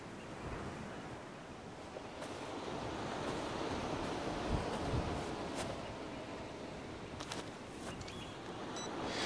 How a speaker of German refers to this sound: Der Wind wird es reingeweht haben. Der ist jetzt schwächer geworden, aber heute früh hat er sehr stark geweht. Wenn der Wind aus dem Süden weht, werden da unten viele Dinge angetrieben.